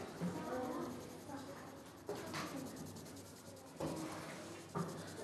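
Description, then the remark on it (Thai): Steady scratchy rubbing of a sharpened colored pencil across thin paper laid over a coin to make a coin rubbing print, continuous with a few sharper strokes, while a man talks over it. “วิธีการทำภาพพิมพ์เหรียญคือให้เรานำเหรียญมาวางด้านหลังกระดาษนะครับดูนะครับด้านหลังของกระดาษและวางช่องให้ตรงกับเหรียญ นะครับสังเกตว่าเหรียญจะนูนขึ้นมานะครับจากนั้นให้เราใช้สีไม้นะครับที่เหล่าแล้วเรียบร้อยเหล่าแล้วให้ปลายแหลมนะครับค่อยๆฝนลงไปนะครับ”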